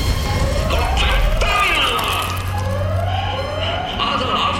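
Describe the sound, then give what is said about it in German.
A loud alarm siren ordering evacuation of a headquarters wails in repeated rising sweeps, its pitch climbing again and again over a steady low rumble, with no talking. “Hört der Alarmstufe.”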